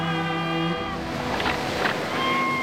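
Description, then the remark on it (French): Waves wash against the shore in a steady, rushing surge that swells twice, with a sustained droning tone from an English ship anchored near the shore in 1875 humming beneath. No voices. “En 1875, un navire anglais mouille près du rivage.”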